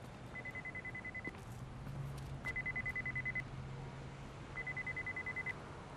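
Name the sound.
mobile phone ringing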